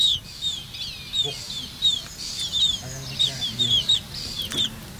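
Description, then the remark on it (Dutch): Black-tailed godwit chicks, raised for research by the University of Groningen, peep in a steady stream of thin, high-pitched chirps, repeated every half second or so, over a low background rumble and a few soft thumps. “En zo klinken ze nu nog.”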